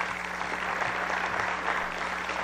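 A steady wash of audience applause for two Copa Escolar (school cup) champions, many hands clapping densely and continuously at an even loudness, with no voices standing out above it.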